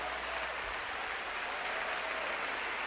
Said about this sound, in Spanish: Para que no haya confusiones, denle su mejor aplauso al único artista que va a hacer algo esta noche por ti.